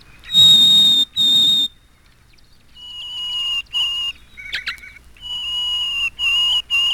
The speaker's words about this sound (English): The next bird to appear in this first movement is the Harris sparrow. He sings single, clear notes on different pitches.